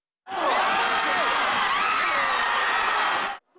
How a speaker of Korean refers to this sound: 광화문 광장은 붉은 옷을 입은 시민들로 발디딜 틈이 없습니다. 지나가던 시민들도 발길을 멈추고 대형 스크린을 바라보고 있습니다. 시민들은 대한민국을 외치며 열심히 응원했지만 후반전 남아공의 선제골이 터지자 일순간 탄성이 터져 나왔습니다.